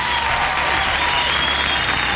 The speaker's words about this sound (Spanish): Un aplauso bien fuerte para esta mujer, por favor.